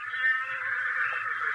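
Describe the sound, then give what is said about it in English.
An approaching horse neighs in one long, high, steady whinny that holds for over a second at a fairly strong level, with no voices or other sounds around it. “Now that's closer. He's coming this way. There's one of ours answering him.”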